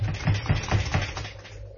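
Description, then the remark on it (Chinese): Someone bangs on a locked door, about five heavy, dull thumps in a quick, steady rhythm, then the pounding trails off into quieter rattling. No voices are heard. “拍来拍去都冇人听见嘅。”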